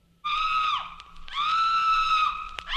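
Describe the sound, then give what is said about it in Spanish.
A woman screams twice from a funeral pyre as its flames take hold, each cry a long, shrill, sustained wail, the first trailing downward before a brief pause and the second holding steady. Loud, with no talk. “Fue precisamente cuando las llamas cobraban cuerpo que escucharon un alarido proveniente de aquella pira mortuoria.”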